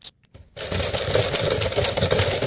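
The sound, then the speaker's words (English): A typewriter: a brief high bell-like ping, a couple of soft clicks, then a steady, loud stretch of dense rapid mechanical clatter that continues to the end, with no voices. “I was just listening for the next bit where you get the return. Yeah. And the ding.”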